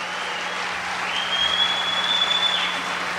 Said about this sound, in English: My band, ladies and gentlemen, if you would give … a big, wonderful round of applause. Would you do that?